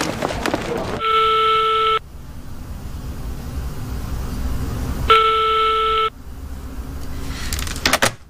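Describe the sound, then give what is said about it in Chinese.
A phone call rings out unanswered after being dialed many times: two steady one-second ringback tones, about four seconds apart, clear and moderately loud over a low rumbling background hum. “打了这么多遍，还是没有人接啊！”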